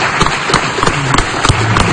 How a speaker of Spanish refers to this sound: Fuerte aplauso.